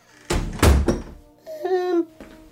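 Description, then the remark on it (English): A door is pushed shut with a heavy, resonant thump and a quick rattle of impacts, followed by a brief, tonal, voice-like sound. “Well, shut the door then, Alf, before the neighbours send for the yellow van.”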